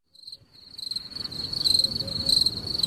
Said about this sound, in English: Wow. I'll tell you, the crickets are lovely.